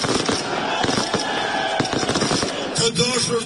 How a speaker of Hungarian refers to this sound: Albin Kurti pártja a választások éjszakáján ennek ellenére tűzijátékkal ünnepelte a győzelmet.